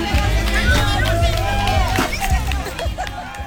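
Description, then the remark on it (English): A lively crowd of children and adults cheers, shouts and sings around a piñata hung in a tree as the children line up to whack it for candy, voices overlapping in a steady hubbub with scattered claps throughout. “The adults watched, clapped, and encouraged the kids, singing the traditional song, Dale, Dale, Dale.”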